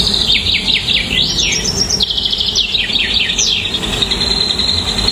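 Birds chirp in quick, repeated bursts of high tweets, clear, over a steady low outdoor rumble and a faint insect-like hiss throughout, in a mountain area of Uttarakhand surrounded by mountains and trees.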